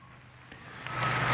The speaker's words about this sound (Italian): E si conclude così l'omelia di Papa Leone XIV, mentre dalla piazza si alza un applauso gioioso alle sue parole.